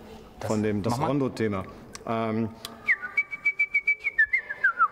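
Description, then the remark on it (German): Indoors, a voice speaks briefly, then someone whistles Mozart's Rondo theme like a bird, a bright melody in quick, evenly spaced notes with a few sliding turns, clear and imitating birdsong. “Der kleine Vogel, den Mozart hatte, der hat immer das Rondo-Thema gepfiffen.”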